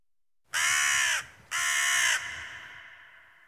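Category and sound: bird, bird cawing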